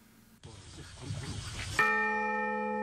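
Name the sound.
church bell ringing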